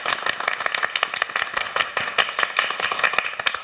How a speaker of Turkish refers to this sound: Arkadaşlar hoş geldiniz diyeyim ben, şöyle toplu bir alkış alalım. Ne kadar kalabalık olduğumuzu gösterelim.